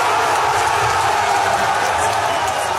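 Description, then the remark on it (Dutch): A crowd in the Alternative für Deutschland (AfD) camp cheers and applauds an election result in a dense, steady roar of many voices and clapping. It holds at an even, loud level throughout with no single speaker standing out. “Gejuich in het kamp van de Alternatieven für Deutschland, terwijl de tegenstanders de hele dag nog hoop hielden op een gunstiger uitslag.”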